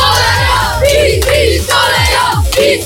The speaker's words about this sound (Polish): Kochani, zróbcie hałas dla Radia Z. Przepraszam, ale czy to jest młodzieżówka PiSu? Bo dzieci krzyczą PiS.